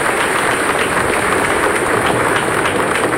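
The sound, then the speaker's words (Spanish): Steady, loud applause from a large crowd at the close of a Catholic Mass, honouring the image of Our Lady of El Cisne (Virgen del Cisne), a dense crackle of many hands clapping at once that holds an even level throughout with no voices standing out. “Un fuerte aplauso para nuestra Santa y Buena Madre.”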